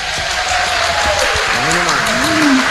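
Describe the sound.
Steady, dense applause from Itaboraí for the benefactors of Rádio Catedral, fills the whole stretch, a loud continuous crackle of many clapping hands, with voices or cheers rising and falling over it in the second half.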